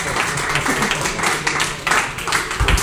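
An audience applauds steadily, a dense crackle of many hands clapping at once with a sustained, fairly loud wash of sound and no pauses throughout.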